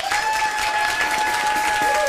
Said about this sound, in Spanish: Un aplauso bien fuerte para el superlativo